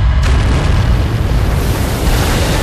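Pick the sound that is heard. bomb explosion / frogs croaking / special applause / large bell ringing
bomb explosion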